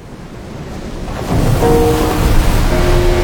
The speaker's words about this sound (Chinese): 听，港珠澳大桥下的海浪翻涌着600年前的回响，郑和未曾遇见55公里钢铁巨龙横跨伶仃洋，穿梭车流拨动时空琴弦，浪花跃动，音符激昂。